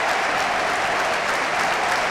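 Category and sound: crowd, stadium crowd applauding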